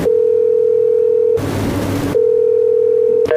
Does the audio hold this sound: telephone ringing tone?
yes